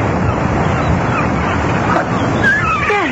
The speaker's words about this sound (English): Seagulls. At least I think that's what it is.